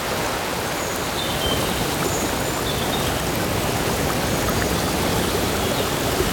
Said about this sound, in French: Alors, faisons-nous du bien et entrons dans un spa auditif de fraîcheur. C'est une forme de placebo sonore que je vous propose en commençant par cette très belle ambiance de rivière dans la forêt.